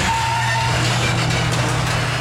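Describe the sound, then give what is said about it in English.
A garage door grinds and creaks along with a steady, loud mechanical drone and a low motor hum. It runs continuously without pause, and no one speaks. “Rise and Grind is a great way to get to the top if you're not a garage door.”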